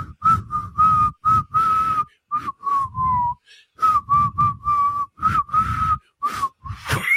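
Someone whistles a Schlager pop tune, a string of short, breathy notes with a halting rhythm and a brief pause midway, rising at the end.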